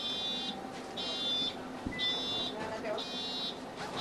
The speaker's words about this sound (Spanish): después de activarse la rampa que habíamos comentado, puede bajar del autobús